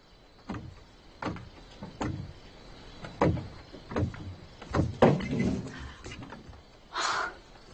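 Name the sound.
door being opened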